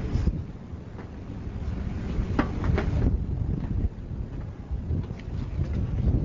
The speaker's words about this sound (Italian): Sì, usciamo all'aperto. Anche per fare una registrazione dal vivo. Qui c'è molto vento.